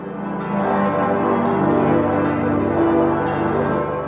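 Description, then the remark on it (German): Several large cathedral peace bells peal together in a dense, continuous wash of ringing tones, loud and sustained throughout with overlapping strikes and long resonant hum, and no voices. “Schaffbar ist das auf jeden Fall und es wäre, glaube ich, wunderbar, wenn die Friedensglocken dann läuten zum 400-jährigen traurigen Zerstörungsjubiläum.”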